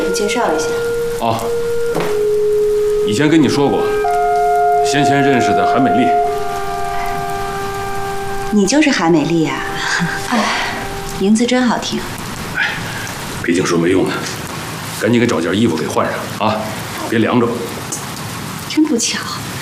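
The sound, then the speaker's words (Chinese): Steady, heavy rain pours down on a village in a dense hiss that fills the whole scene, continuing under people talking and a few sustained musical tones. “我说，大下雨天你跑到我们村来干什么呀？”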